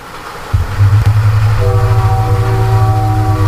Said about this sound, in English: And you got a train coming your way.